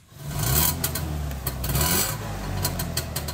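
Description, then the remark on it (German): A family's Trabant in Schackstedt near Aschersleben, Saxony-Anhalt, runs its small engine with a buzzy, rasping rattle over a steady low drone. It rises briefly in pitch a couple of times as it revs, with no one talking. “So klingt der Trabi der Familie Wöhlbier.”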